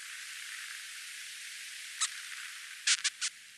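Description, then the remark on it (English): Narwhal echolocation clicks, recorded underwater by an acoustic monitor suction-cupped to a whale diving half a mile below the surface while foraging for food: a few sharp, brief clicks, one alone and then a quick cluster of three near the end, over a steady background hiss of underwater noise. “Narwhals click and buzz as they dive half a mile below the surface of the water, foraging for food.”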